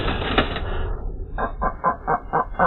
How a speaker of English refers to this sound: The sound of the white-tailed eagle. Persecuted to extinction in the UK over 100 years ago, conservationists say a reintroduction project on the Isle of Wight has been a success, bringing nature recovery and tourism benefits.